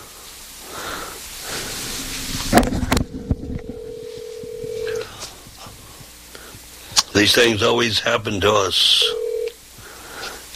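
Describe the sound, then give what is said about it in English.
Steady electronic keypad tones from a telephone being dialed to test the phone line, a long beep followed later by a shorter one, fairly clear, with a person talking between them over faint background hiss. “The phones are working on our end.”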